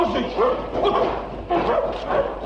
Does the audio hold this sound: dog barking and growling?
yes